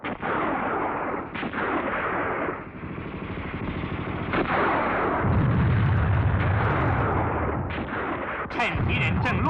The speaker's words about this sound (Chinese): 大家急忙趴下， 地雷在敌人队伍里炸响了。这就是蝎子雷的妙处，发火装置在前面，爆炸在后面。